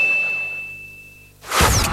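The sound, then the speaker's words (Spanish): A single loud strike of a boxing ring bell, marking the second round on Radio Nacional, rings out and hangs for over a second as it fades, then a sudden burst of broad whooshing noise cuts in. “Sonó la campana para el segundo round.”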